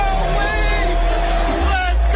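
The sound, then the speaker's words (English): A dense crowd of people yelling and shouting at once, loud, a continuous wall of overlapping voices with no pauses throughout. “There's a lot of people yelling in this.”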